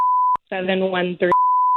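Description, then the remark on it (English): A steady, high electronic phone tone sounds as a phone number is dialed to call someone, breaks off for a short burst of voice, then returns with a click. The tones are clear, like keypad beeps on a call. “Let's get him on the phone right now.”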